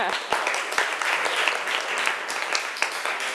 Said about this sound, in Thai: น้องมันตัดเยอะจัง เลยเก่งมากกดเก่งปรบมือค่ะ